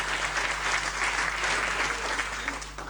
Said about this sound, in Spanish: una fiesta así significa que los que estamos disfrutando detrás de este detrás de esta fiesta hay un gran trabajo que hicieron varios equipos, y yo quiero que le demos un poco un aplauso a esa gente que hace eso siempre.